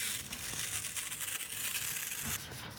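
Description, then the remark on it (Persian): Adhesive tape is pulled off a roll and pressed down in a home, a steady crackling rip that runs for a couple of seconds before easing into a softer rustle. No one speaks. “من انقدر چسب زدم دیگه باید جایزه چیزی بهم بدن، یعنی هر کسی ادامه دار نشد بیا تو کار چسب زدم خونه های مردم. حتی خیلی هم خوب نشد این دفعه.”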